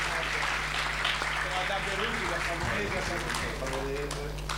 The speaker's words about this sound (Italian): Un grande applauso anche a Savona.